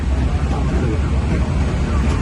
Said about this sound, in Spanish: Bueno, se oye un poco reguleras, pero normal, es cosa de los aviones. Lo entendemos.